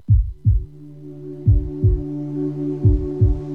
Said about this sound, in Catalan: Sents el cor? Batega fort, oi?